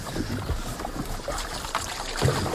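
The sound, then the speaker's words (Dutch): Water sloshes and splashes in uneven strokes as a canoe paddle dips and pulls, one person paddling a canoe with two people aboard, with gentle trickling between strokes and no voices. “Ik stel voor dat jij gaat gewoon zitten en ik peddel.”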